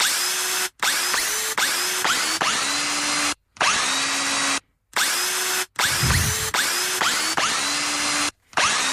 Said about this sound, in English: Kate recorded this earlier in the day with a drill.